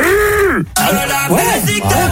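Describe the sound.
A person imitates a duck's quack with their mouth: about four loud, nasal quacks in quick succession, each pitch bending up and down.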